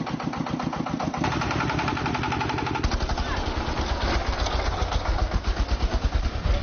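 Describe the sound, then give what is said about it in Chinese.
The engines of four tractors loaded with hay setting off on the road after dark chug loudly, a steady rapid putt-putt of diesel pulses that shifts to a deeper, heavier thumping rhythm partway through, with no talking. “天彻底黑了下来，4台拖拉机开始上路。”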